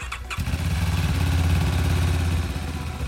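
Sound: motorcycle ambulance engine running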